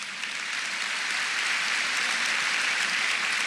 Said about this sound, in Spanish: Él ese aplauso al Señor.